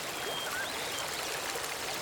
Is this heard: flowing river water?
yes